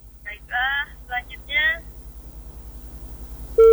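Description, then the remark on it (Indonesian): Muffled talk over a phone line during a radio call with a listener, then a pause with low background hum, followed by a loud, steady electronic beep that starts abruptly near the end and holds as the call drops. “Baik, telepon kita terputus bersama pendengar baru saja dan silakan bergabung kembali”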